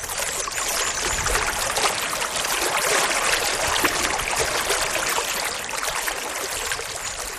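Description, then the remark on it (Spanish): The clear, clean, transparent Estena river rushes steadily over small waterfalls along a short hiking route, a continuous bright splashing and gurgling of water, with no voices and little change in level throughout. “siempre va cerca del río Estena y hay varios saltos de agua en esta ruta y un puente en el que antes de cruzar nos vamos a quedar sorprendidos de lo increíblemente limpia y transparente que está el agua.”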